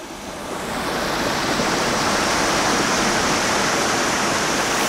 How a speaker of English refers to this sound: We're a little further down the river now, with Capure and the Tonduffs behind us, where the river rose in the bog there.